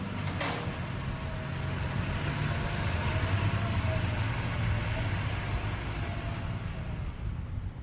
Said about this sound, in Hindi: अरे दादू, उधर देखिए कितनी बड़ी बड़ी मशीनें काम कर रही हैं। लगता है कोई सड़क या पुल बनाया जा रहा है।